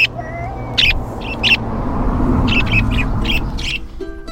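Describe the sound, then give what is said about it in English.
Many parakeets kept by a man chirp and squawk in short, scratchy bursts, several calls clustered together, over a steady low background rumble with no one talking. “Yeah, he has a lot of parakeets. That one just pooped.”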